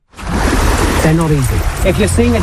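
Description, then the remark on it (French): Sea water sloshes and churns steadily in a continuous splashing wash as about ten people, waist-deep in the sea in southern England, shake a tarp carrying an inflatable dolphin in time with the waves at a marine-mammal first-aid workshop. Indistinct voices call out faintly in the background partway through. “Une dizaine de nageurs, de l'eau jusqu'à la taille, agitent une bâche au rythme des vagues.”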